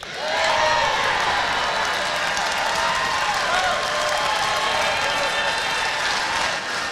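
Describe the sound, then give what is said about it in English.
A large crowd applauds and cheers loudly and steadily for several seconds, responding to a promise to bring back plastic bags, with a dense wash of clapping beneath overlapping shouts and whoops from many voices. “Then, the biggest applause of the night comes with this promise.”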